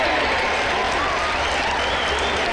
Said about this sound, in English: Now stop all the clapping.